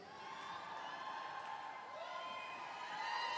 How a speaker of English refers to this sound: Now see, I take those little yells as being, okay, you're kind of right, and we will, but just give us our space, right?